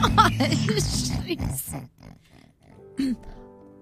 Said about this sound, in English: A Highland cow, that's what it is. Oh, yeah, yeah. In Scotland, they say Highland coo. Well, that's what they call them over there, Highland coos. Oh, well, I call it a cow.